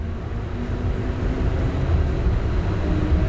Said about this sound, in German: Ich fahre mit der Straßenbahn die sogenannte Sniper-Allee entlang. Die mehrspurige Hauptstraße hat ihren Namen aus der Zeit der Belagerung.